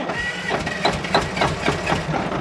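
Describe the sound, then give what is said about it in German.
A bus engine cranks over and over without catching as the bus driver turns the ignition key, a steady, rhythmic churning of roughly four pulses per second with a grinding mechanical hum underneath, never turning into a running idle. “Als alle ihren Platz eingenommen hatten, drehte der Busfahrer den Zündschlüssel um.”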